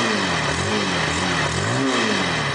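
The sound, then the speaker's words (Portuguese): A motorcycle engine revs steadily and loudly on the streets of Paraná, its pitch rising and falling in waves as the throttle is worked, with no voices present. “O barulho do motor ganhou ainda mais força nas ruas do Paraná.”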